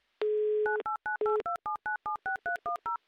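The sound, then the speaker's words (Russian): A steady dial tone sounds briefly, then a quick, even run of about a dozen touch-tone beeps as a Humor FM radio host keys in the phone number of a listener from Glazov. The sound is clear, with no voices. “Прямо сейчас набираем ваш номер телефона.”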